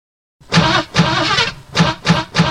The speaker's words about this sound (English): Engines running!